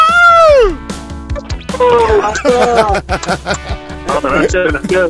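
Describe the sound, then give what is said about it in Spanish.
Loud, excited shouting of celebration by radio contest winners who have just won a four-person pass to Charros de Jalisco, opening with a long high cry that swoops downward, followed by a burst of overlapping whoops and cheers. “Aviéntense un gritito o algo para que se sienta la emoción.”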